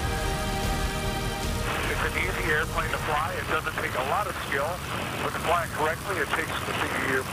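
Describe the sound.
A warmed-up Stearman biplane engine drones steadily with a rough, whirring hum on a fine day in Iowa, briefly clear on its own before a voice starts talking over the continuous engine noise.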